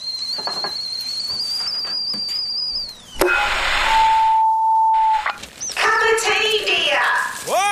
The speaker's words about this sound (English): Cup of tea, dear. The kettle's on. Would you like a cup of tea, love?